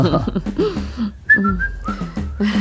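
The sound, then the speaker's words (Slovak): Someone whistles a short melodic tune, with clear sustained tones gliding between pitches, moderately loud, over faint background noise. “Pískaš si, dieťa moje.”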